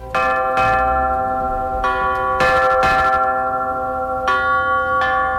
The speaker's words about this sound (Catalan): el projecte musical que l'arquitecte va dissenyar per les campanes de la Basílica